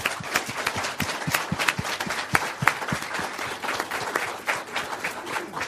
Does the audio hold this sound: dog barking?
no